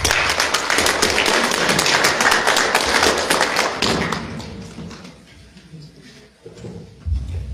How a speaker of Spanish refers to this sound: Un aplauso, por favor.